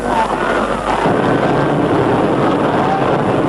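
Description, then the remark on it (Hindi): A steady, loud engine roar fills the scene, a broad rushing drone that thickens slightly partway through, an airplane coming in from the horizon to land, with wind-like hiss over it. “अब वो देखो क्षितिज पर अपना विमान आ रहा है।”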